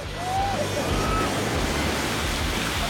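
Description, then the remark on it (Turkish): Lake waves splash steadily against a moving boat passing through a channel at Greaton Beach, a loud, continuous rush of water with a low motor-like rumble underneath and a couple of brief faint whistling tones. “Dalgaları aşıp dalgalarla beraber geri geldik.”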